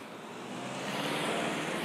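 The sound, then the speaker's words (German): A car approaches on a village road, its broad rushing engine and tyre noise swelling steadily louder over two seconds. No voices are heard. “Jetzt müssen wir nur gucken, wenn jetzt ein Auto kommt.”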